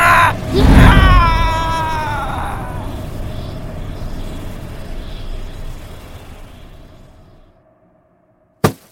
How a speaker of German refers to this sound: Mit einem lauten Schrei wurde die Hülle des Geistes in den Kristall des Stabes gesungen.